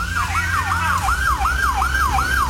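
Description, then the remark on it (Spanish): A carabineros police siren wails in rapid, repeating rising-and-falling sweeps, loud, over a low rumble of road traffic as the vehicle goes by on a muddy street, heading to help people evacuate homes covered in mud. No one speaks. “Sí, carabineros, bueno, escuchemos. En este momento van pasando a ayudar, vamos a quedar un poco embarrados, pero están yendo a cooperar para ayudar a las personas a evacuar sus casas, ¿no?”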